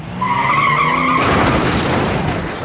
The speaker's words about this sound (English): He runs to the car, crashed into a bus stop.